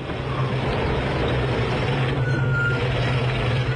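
A car sent from the county arrives: its engine rumbles steadily, a low idling drone with a faint hiss above it, holding an even level throughout as if the car has just pulled up.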